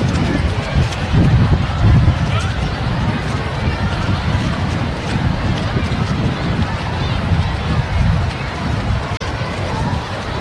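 Steady, blustery wind rumbles and buffets the microphone throughout at a ballpark, a dense low roar that swells slightly early on, with faint crowd murmur mixed underneath; the wind has picked up, blowing from the south, about 20 degrees at field level.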